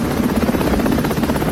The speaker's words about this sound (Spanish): Un helicóptero dispara un bote de gas a través de la ventana.